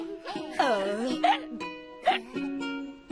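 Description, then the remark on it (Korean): Three sharp hiccups, evenly spaced, break through a sing-song voice that keeps humming and singing between them, before a family choir contest. “우와, 엄마, 딸꾹질 소리도 꼭 재미있는 노래 같아요.”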